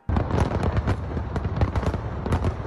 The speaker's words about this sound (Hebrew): אתמול חזו האורחים במופע מרהיב של זיקוקים, מעל ובתוך מגדל אייפל, וגם מופע פלאים של רחפנים.